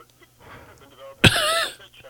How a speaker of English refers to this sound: Sounds like you're coughing quite a bit there